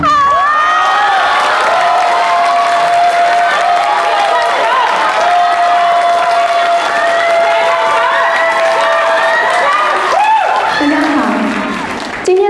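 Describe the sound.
A loud, sustained burst of audience applause mixed with cheering and shouting voices, with a long steady whistle-like tone running through most of it before the noise thins out at the end.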